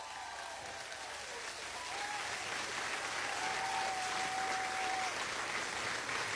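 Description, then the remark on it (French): A steady wash of applause from a crowd, dense and continuous, swelling slightly partway through and holding at a fairly loud level, with a few faint whistles riding over the clapping, given on a show for those who won nothing at Miss Regatta. “Alors, ça, pourquoi pas, nous donne un petit acclamation, pour bon qui ne gagne rien de Miss Regatta tantôt, pas vrai?”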